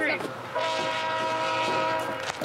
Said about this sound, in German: Der Zug ist gleich da. In der kanadischen Prärie ist ein Zug noch eine Attraktion. 2 Kilometer entfernt können wir ihn schon hören. Ein wunderbares Geräusch, das nur ein Zug macht.